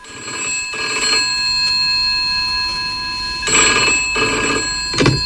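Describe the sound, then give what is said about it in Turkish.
A telephone rings loudly in two long bursts separated by a pause, followed by the start of a third brief ring, with a steady electronic tone humming underneath throughout. “Belki bir gün sizin de telefonunuzu çaldırırız, hiç belli olmaz.”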